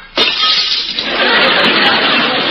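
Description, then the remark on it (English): Glass shatters with a sudden loud crash, followed by a sustained hiss of breaking and scattering fragments with a few sharp tinkles, lasting a couple of seconds with no voices. “Well, I can usually break a glass by singing.”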